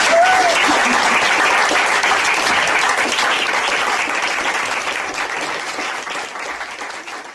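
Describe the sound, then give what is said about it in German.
Sustained audience applause for the female authors, a dense wash of many hands clapping at once, loud at first and gradually tapering off toward the end, with no voices over it. “Danke nochmal fürs Kommen und nochmal großen Applaus an die Autorinnen.”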